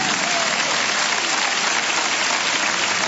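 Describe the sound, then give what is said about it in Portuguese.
A church audience claps for Jesus steadily, a dense, even wash of many hands sustained at a constant loud level throughout, with no voices standing out. “Palmas para Jesus.”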